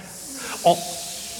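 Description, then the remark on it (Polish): A steady hiss of air escaping from the opened valve of an upturned, emptied blue inflatable pool runs throughout, with a brief louder squeaky burst partway through before the hiss continues evenly. “a potem odwrócił basen do góry nogami, wylewając z niego resztki wody, i otworzył wentylek. Natychmiast zaczęło się z niego wydobywać z głośnym sykiem powietrze.”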